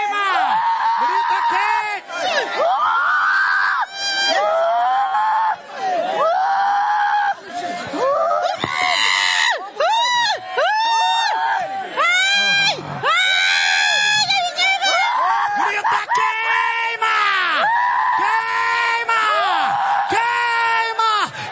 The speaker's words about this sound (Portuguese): Pode dar o grito de derrota. Pode dar o grito de derrota.